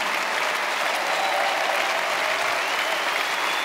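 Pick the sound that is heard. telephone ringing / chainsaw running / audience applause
audience applause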